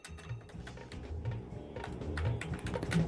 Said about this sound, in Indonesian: Lagi ngetik lagunya …